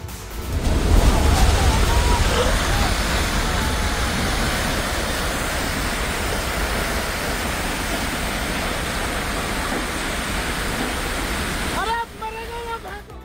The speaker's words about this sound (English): Starting with Uttarakhand's Chamoli that has been battered by a cloudburst. A flash flood swept away a BRO bridge near Lata village along the India-China border. The sudden surge of water left behind a trail of destruction.